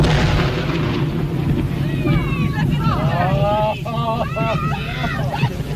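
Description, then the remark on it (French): A whale carcass explosion: a heavy, continuous roaring rumble as chunks rain down, with several voices shouting and exclaiming over the din before the noise briefly dips and carries on. “Et on entend les morceaux tomber.”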